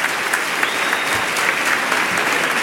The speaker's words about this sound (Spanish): Que denle un aplauso al Rey bendito.